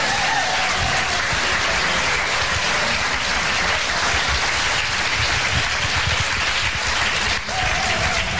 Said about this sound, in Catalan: Donar també les gràcies als nostres tècnics d'avui, perquè sense ells res d'això hauria estat possible, per tant, un fort aplaudiment pels tècnics.